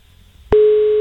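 After a quiet moment, a click gives way to a loud, steady single-pitched phone ringback tone, the hum of an outgoing call waiting to connect, holding unbroken to the end with no one speaking.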